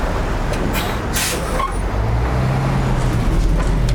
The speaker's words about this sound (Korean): 문이 닫히고 버스가 출발한다.